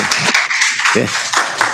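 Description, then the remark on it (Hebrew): An audience claps together in a dense, steady wash of overlapping hand claps, with a few sharper individual claps standing out and a faint voice underneath. “גם אנחנו מוחאים כפיים, לא רק בנתניה.”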